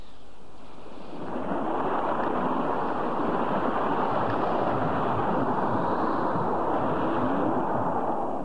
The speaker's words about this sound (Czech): To je zvláštní, jak rychle se změnil vítr. Tlačil nás zezadu a teď máme vlny i vítr na levém boku. Musím stočit loď o 45 stupňů.